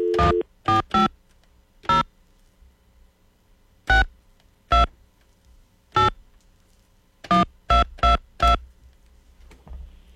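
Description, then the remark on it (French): A phone number being dialed: eleven short, clear keypad tones in an uneven rhythm with pauses between groups, fairly loud, with no voices. “Ça va-tu sonner?”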